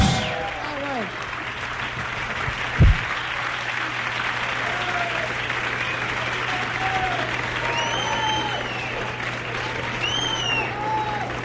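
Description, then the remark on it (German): A large audience applauds steadily after a live song, a dense wash of clapping that holds for the whole stretch, with scattered cheers and whistles rising above it. “Ja, zu Recht viel Applaus”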